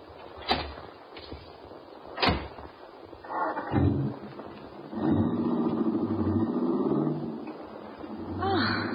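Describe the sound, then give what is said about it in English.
Two sharp car door slams a couple of seconds apart, followed by a car engine turning over and settling into a steady, rumbling idle. “My car is right out front.”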